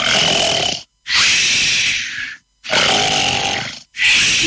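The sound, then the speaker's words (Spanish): Recorded human snoring, the third of several snoring examples played for comparison: loud, harsh, in a steady rhythm, three rasping breaths rattling one after another with brief silent gaps between them, no voices. “Ronquido número tres.”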